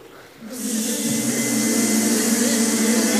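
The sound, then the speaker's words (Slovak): Singing choirs imitate the atmosphere of a beehive with their mouths, breaking in after a short quiet moment with a steady, loud buzzing drone: a low hum layered under a breathy hiss that holds without pause. “nepotrebujeme nosiť žiadne úle do tohoto miesta, ale atmosféru úľa si vytvoríme pomocou našich úst.”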